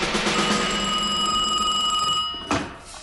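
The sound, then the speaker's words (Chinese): A telephone rings with a steady, metallic bell tone for about two and a half seconds, then stops abruptly with a short thud: a call from the commander of the Japanese North China Area Army to Major General Miyano. No one speaks. “小岗 长官，华北方面军司令官的电话。”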